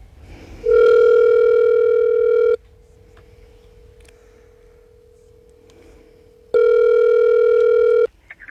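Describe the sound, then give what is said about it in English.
A phone call placed in the morning rings out with two long, loud ringback tones separated by a pause of several seconds, a faint hum carrying on between them; no one speaks. “Let's just take a little potluck here and put in a phone call this morning.”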